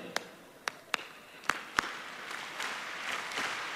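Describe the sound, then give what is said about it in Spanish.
Several sharp hand claps ring out in a loose beat as an audience at a live show claps along, then fade into a softer wash of scattered clapping and crowd noise from the group of people. “Entonces, le vamos a pedir las palmas. A ver, gente, las palmas.”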